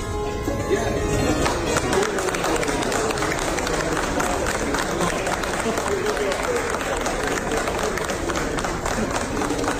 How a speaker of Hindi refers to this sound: PM Takaichi ने संतूर बजाया तो पीएम मोदी ने तालियां बजाकर उनका उत्साह बढ़ाया।